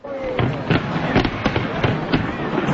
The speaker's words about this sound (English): A spectacular fireworks show on the water was the peak of a promotional stunt that included a powerful light display turning the CN Tower into a pillar of ice.